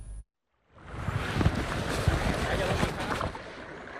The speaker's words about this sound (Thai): กิจกรรมพายเรือคายักบริเวณริมทะเลสาบเหนือเขื่อนบนรัฐในเขตอุทยานแห่งชาติภูเก้าภูพานคำอำเภอโนนสังจังหวัดหนองบัวลำพูท่ามกลางบรรยากาศสายลมและอากาศบริสุทธิ์